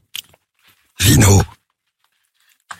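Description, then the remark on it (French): A voice makes one loud, half-second munching noise over the phone, imitating a rabbit crunching on its little carrot, with a couple of brief crisp clicks before and after. “Jojo Lapin, il mange sa petite carotte.”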